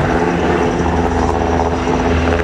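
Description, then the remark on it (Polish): An S-70i helicopter of the GROM military unit's aviation team flies during a special forces exercise to retake a ferry, its loud, steady rotor thrum and engine whine filling the whole stretch without a break. No one speaks. “W działaniach bierze udział grupa specjalna z Formosa przy wsparciu śmigłowców S-70i Zespołu Lotniczego Jednostki Wojskowej GROM.”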